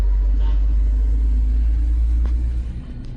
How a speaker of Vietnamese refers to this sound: cũng là lúc những đoàn xe tải như thế này lần lượt xuất hiện